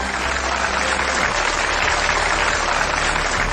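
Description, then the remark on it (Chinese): Sustained audience applause on the Shaanxi TV cultural collecting show Huashan Lunjian, welcoming the guests of the appraisal panel, a dense, steady crackle of many hands clapping at even loudness throughout, with a low hum underneath and no voices. “掌声欢迎鉴定席市场团华山研修院的各位嘉宾。”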